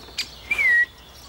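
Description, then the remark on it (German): A young woodpecker, just released into its new home, gives a single thin, high call that slides slightly downward, preceded by a faint short chip. The call is clear against a quiet outdoor background, with no one speaking. “Dass er ein bisschen vom Menschen Abstand nimmt und sich hier halt Spechtfreunde sucht. Aber er ruft ja immer noch.”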